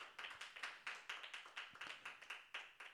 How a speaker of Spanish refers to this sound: Aleluya, dele palmas al Señor, hermano. Aleluya, gloria a Dios.